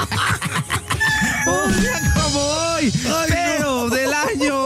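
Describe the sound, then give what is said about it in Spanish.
A rooster crows loudly in a long, wavering cock-a-doodle-doo that follows a brief burst of clatter and voices at the start. “No, te juro que nos traemos al gallo.”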